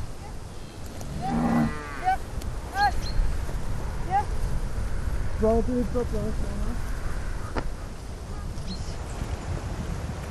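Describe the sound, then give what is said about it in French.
Donkeys, all with 'Anne' in their names, such as Anaconda, Anastasia, Annabelle, Ananas and Anarchie, bray outdoors: one loud, drawn-out call rises early on, followed by several shorter, fainter brays scattered through the rest, over a steady low rumble of wind and background noise. “C'est tous les ânes, ils ont Anne dans leur prénom.”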